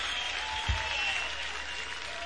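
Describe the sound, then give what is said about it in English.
Steady applause from a concert crowd, a dense wash of clapping that holds at a fairly even level, with a brief low thump partway through. “and the crowd applauds.”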